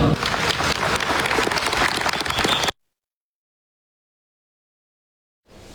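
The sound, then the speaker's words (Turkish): Turkish pilgrims applaud President Erdoğan, who addressed them during the holiday, in a dense burst of clapping for under three seconds, then an abrupt cut to silence before a quieter stretch of noise returns at the very end. “Türk hacılar kendilerine hitap eden Başkan Erdoğan'ı alkışladı.”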